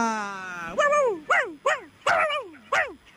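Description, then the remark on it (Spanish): A small frightened dog lets out a thin, drawn-out whine, then five sharp, high yips in a quick, uneven series, each sliding downward in pitch. “Por favor, mira este perrito.”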